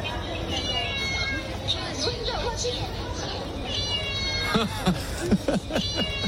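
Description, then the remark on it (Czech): Short electronic meow-like chirps from a Japanese self-checkout register as items are scanned ring out amid a busy store background of crowd chatter, with a few sharper bursts clustered near the end. “Když namarkuješ zboží, tak to mňouká.”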